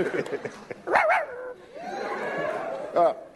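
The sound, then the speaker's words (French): A person imitates a dog with two loud barks about two seconds apart, the first a doubled yelp, over a murmur of background voices and noise. “Ah oui, vas-y, aboie très fort.”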